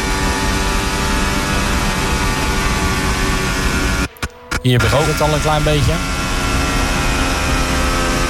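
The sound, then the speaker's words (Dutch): A Formula 1 engine screams loudly from onboard as the car heads toward Blanchimont, cuts out briefly, then blips and drops in pitch through a series of downshifts made to recharge the battery a little, while a man talks over it. “Hier schakelt hij zelfs terug. Om maar die accu een klein beetje op te laden.”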